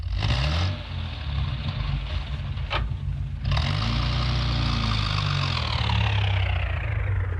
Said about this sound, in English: If we could get a fog light. Oh, that's easy. All right, Constable, reverse the car.